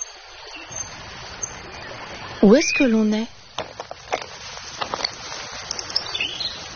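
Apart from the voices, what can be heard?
river water flowing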